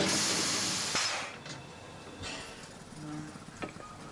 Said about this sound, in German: Die historische Dampflok kommt gerade aus Bad Doberan.